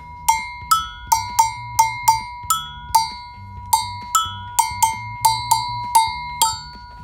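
Agogo bells ring out in a steady syncopated rhythm, bright metallic clanks alternating between two close pitches, with a low, soft rumbling accompaniment underneath and no voices.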